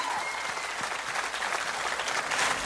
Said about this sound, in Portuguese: Uma salva de palmas, milionários e amigos.